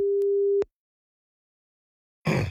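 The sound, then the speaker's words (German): A single steady, mid-pitched telephone ringback tone sounds for about half a second over the line, then silence, then a brief harsh crackle as a call from Schwarzwaldradio to a listener connects. “Es läutet.”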